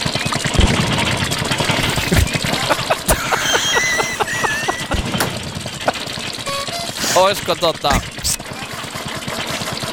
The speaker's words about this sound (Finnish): Niin kuin kuulet, Tuukka, niin vanhakoppainen Opel-mokka kyseessä.